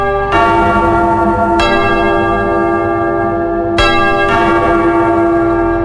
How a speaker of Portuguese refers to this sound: Atenção lá, povo de Deus. De novo, toca o sino.